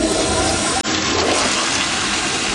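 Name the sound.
toilet flushing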